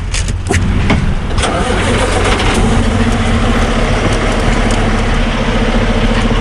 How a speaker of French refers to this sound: Je laisse les camions sur la transcanadienne, cette grande route qui traverse le pays d'est en ouest.